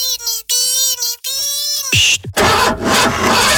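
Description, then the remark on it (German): The starter of a broken car whines and cranks in three steady bursts, then the pitch drops away and the engine gives a rough, noisy sputter without settling into a running idle. “Ist heute kaputt und das Auto geht nicht.”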